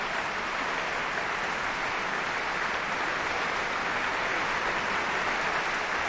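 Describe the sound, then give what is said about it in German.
Sustained, dense applause from a live concert audience, many standing, in the Stadtcasino Basel for the symphony orchestra and mezzo-soprano Jasmin Jurias: a steady wash of many hands clapping at even loudness for about six seconds, with no voices standing out. “Applaus auch für die Mezzosopranistin”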